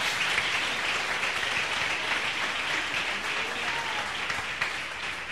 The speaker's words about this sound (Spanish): Denle un abrazo, aplauso al Señor.